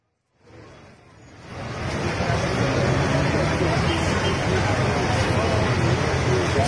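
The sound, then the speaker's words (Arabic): A car ploughs through deep floodwater on a street in Aleppo flooded by heavy rain, a loud, continuous rush and churn of water that swells after a second and holds steady, with faint muffled voices beneath it. “رايحين نسبح نحن كمان، نحن بعد السيارة عم نسبح.”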